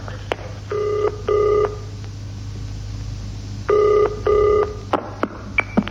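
A telephone rings in a British-style double-burst pattern, two short rings, a pause, then two more, with a few sharp clicks from the handset before and after against a low background hum.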